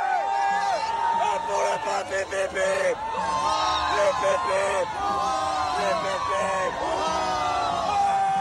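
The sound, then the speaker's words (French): A large crowd of faithful and clergy at Notre-Dame Cathedral in Paris, gathered for vespers, cheering and shouting together, a dense, sustained roar of many voices with rising whoops and calls, loud and continuous throughout without a break. “On l'entend, la ferveur des fidèles, et elle est partagée aussi par le clergé, bien sûr.”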